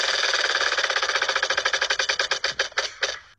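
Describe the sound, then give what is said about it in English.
A prize wheel spins to pick a winner, with a rapid run of sharp clicks that gradually slow and spread apart until the wheel ticks to a stop. No voices are heard. “We'll spin the wheel.”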